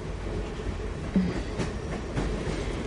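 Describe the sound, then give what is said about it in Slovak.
A passenger train rolls steadily along the rails through Slovakia, a continuous low rumble with faint clickety-clack beats and a couple of brief brighter clanks, heard from inside the train without any talking. “Vlak je predsa len pohodlnejší.”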